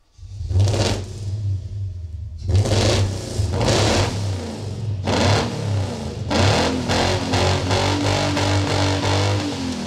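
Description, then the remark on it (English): A car engine revs hard in repeated bursts, a loud low rumble that climbs and surges, then settles into rapid rhythmic pulsing as the revs rise again. No one speaks. “All I just needed was the sound of a good drivetrain.”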